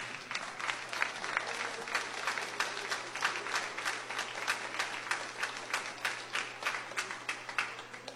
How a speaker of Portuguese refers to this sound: Amém? Palmas para Jesus.